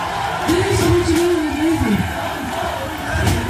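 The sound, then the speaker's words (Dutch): A large concert crowd roars and cheers continuously, with a sustained collective chant of "We want more" rising and falling in pitch over the noisy din, calling for an encore. “Blik helemaal We Want More natuurlijk.”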